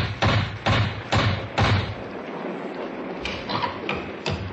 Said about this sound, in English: and then knocked on the door of Webley's Inn.